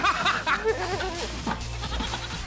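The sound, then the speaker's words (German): Several goats bleat, their wavering, nasal cries overlapping in quick succession against a low rumble of background noise. “Ich mag ja Ziegen ganz gerne.”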